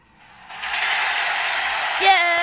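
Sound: crowd cheering sound effect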